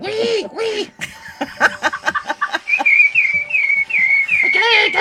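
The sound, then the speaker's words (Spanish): A person whistles an imitation of a two-toned (diphonic) bird: a few breathy vocal squawks and choppy chirps give way to a steady, high warbling whistle repeated in short wavering phrases, with light laughter mixed in. “Un pájaro difónico.”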